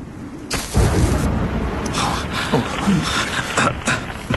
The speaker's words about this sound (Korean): 놀라지 말게. 저런 번개는 이맘때쯤이면 종종 볼 수 있는 것이네. 나무에 불이 붙었어.